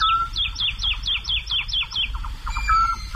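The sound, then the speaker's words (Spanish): A woodlark sings in flight high in the sky around 5 a.m. on a full-moon night at dawn in the fields of Daimiel: a rapid series of clear, liquid descending notes, about eight in quick succession, then a few softer phrases, over a low steady background rumble. “Yo no sé si está madrugando mucho o es que trasnocha, pero a estas horas, hacia las 5, 5 y pico de la mañana, una noche de luna llena, en el cielo, colgada en el aire, hay cantando una totobía, la alondra de bosque.”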